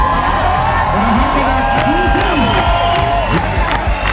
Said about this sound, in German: Jubelstürme also während des Konzerts